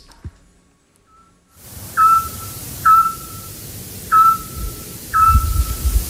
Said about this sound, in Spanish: Hombre, el autillo. Ah, muy bien. Hemos hablado mucho de él en este programa. Claro, el pájaro submarino, ¿verdad? El que emite ese sonar tan característico.